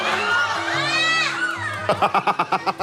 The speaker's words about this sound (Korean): 아, 비명 소리가 나오기 시작했습니다.